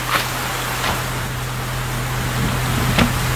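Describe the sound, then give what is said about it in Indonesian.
Sudden rain hisses steadily throughout, with a few sharper spatters breaking through and a low, constant hum underneath. No one speaks. “Aduh, tiba-tiba hujan.”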